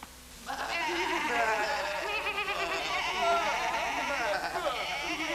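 A flock of sheep bleating loudly and continuously, many wavering, overlapping calls layered together after a brief quiet start, with no pauses between them.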